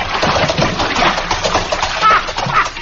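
A person splashes into a water trough, and water churns and slops loudly and steadily for a few seconds, with a couple of heavier surges near the end.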